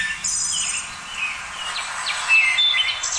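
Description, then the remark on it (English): A wood thrush's fluting song rings out on a spring day amid a busy chorus of other birds chirping and trilling. The song is steady, with no voices present. “So you should have a link there for the wood thrush.”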